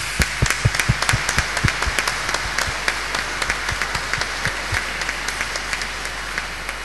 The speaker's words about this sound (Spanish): Demos un fuerte aplauso a nuestras madres.